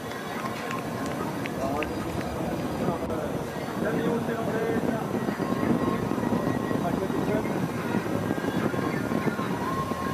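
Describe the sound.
Steady, loud wind roars and buffets throughout the cycling leg of a race, a dense rushing noise with a low rumble, while voices talk underneath it.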